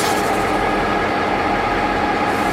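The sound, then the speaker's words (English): A steady, loud rumble of a historic train heard from inside a carriage on a ride down the Barren Gorge to Cairns, with continuous wheel-on-rail roar and a broad hiss filling the whole stretch, and no voices. “I would like to welcome you on board the historic Hollandic Phoenix Railway.”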